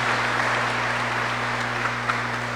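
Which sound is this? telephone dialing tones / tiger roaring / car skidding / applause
applause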